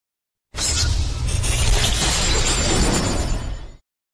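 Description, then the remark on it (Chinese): Machinery on a 4SG intelligent insulating glass production line runs steadily for a few seconds in the smart production workshop of Shandong Chongzheng Shengda Glass Co., Ltd. It is a loud, continuous roar of low rumble and bright hiss that starts and stops abruptly, with no one speaking. “走进崇正盛达的智能化生产车间， 4SG 智能中空生产线正高效运转。”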